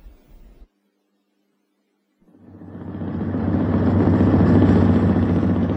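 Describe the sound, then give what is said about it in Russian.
A motor launch's engine rumbles in, swelling from quiet to a loud, steady, throaty drone as the boat runs over glassy water, pushing out long waves; a brief muffled noise comes first, then a short silence. “Катер рокотал мотором и разгонял по стеклянной воде длинные волны.”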